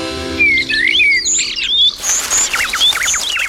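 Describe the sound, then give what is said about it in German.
Several birds chirp and tweet back and forth in quick, overlapping bursts of high, bright, clear calls, with no talking. “Aber habt ihr euch schon mal überlegt, was die eigentlich zueinander sagen, wenn die sich da anfiepen?”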